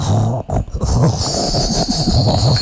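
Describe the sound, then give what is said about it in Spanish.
A voice imitates a greca, a stovetop espresso maker, percolating: a continuous low gurgling rumble with wavering pitch and bubbly sputters, steady and fairly loud for about three seconds over a faint hiss. “No, así suena la greca.”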